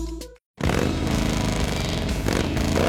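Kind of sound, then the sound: vehicle, harley-Davidson motorcycle engine revving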